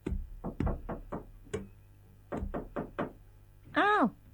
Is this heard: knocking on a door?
yes